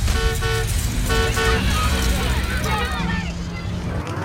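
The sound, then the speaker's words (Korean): A bus engine rumbles steadily as it pulls away, with two short bursts of horn toots early on and muffled crowd chatter mixed in underneath. “이제 저희 텐션 버스 시동 걸고 출발합니다.”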